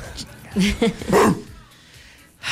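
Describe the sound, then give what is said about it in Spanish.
A few short dog barks and yips in quick succession, fairly loud, followed by a quiet pause and a faint noise at the end. “Un perro joyo, no. A ver. Ladra.”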